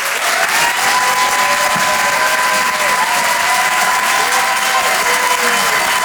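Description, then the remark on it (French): Loud, sustained applause from a large audience at Le Rire et Chanson Comedy Club, a dense steady wash of clapping with a few cheers and whoops mixed in, filling the whole stretch without pause, as the crowd welcomes comedian Karim Duval to the stage. “Merci d'applaudir et d'accueillir Karim Duval.”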